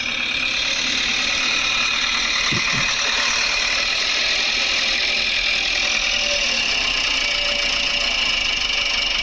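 A tractor approaches, its engine running steadily, a loud, continuous mechanical rumble and whine that holds level for the whole stretch, with no voices over it.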